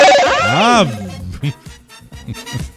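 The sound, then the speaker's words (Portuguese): A loud electronic warbling ring, like a telephone, fills the first second, sweeping up and down; it then cuts off and a voice starts talking. “tocou o telefone bem na hora, minha amiga.”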